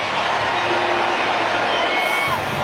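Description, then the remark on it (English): A large stadium crowd at a baseball game roars in sustained, loud cheering after a game-tying base hit to right field, a dense wash of voices with scattered whoops and shouts rising above it. “Line drive, base hit to right. Ball game is tied. Stopping at second is Michael Busch. Nico Hoerner delivers. Listen to this crowd.”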